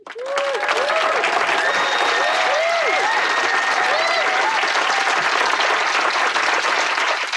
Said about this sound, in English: And a round of applause